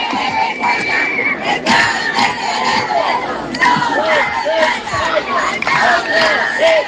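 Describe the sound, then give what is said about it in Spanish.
A large protest crowd at the doors of the CAT care centre in Laredo, holding banners, shouts slogans together, many voices overlapping in loud, rhythmic bursts that rise and fall steadily, filling the whole scene. “Los asistentes también han gritado distintas proclamas.”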